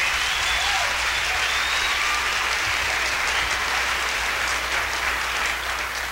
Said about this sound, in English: And my writer is …. Let's give him a big round of applause on organ.